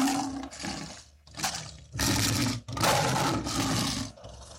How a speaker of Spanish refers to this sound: Cuando en este momento salen los dos equipos al terreno de juego, debe escucharle la fanfarria, debe escuchar el rugido del león, porque sale Independiente Santa Fe y sale el 11 Caldas de Manizales, no, de Jim Perdaza.